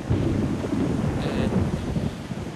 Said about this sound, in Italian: Ah, no, è un tuono.